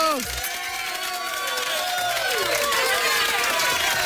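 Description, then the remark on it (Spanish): A crowd cheers and claps steadily for about four seconds, a dense wash of applause layered with excited shouting voices, fairly loud throughout. “Ya, mucho aplauso”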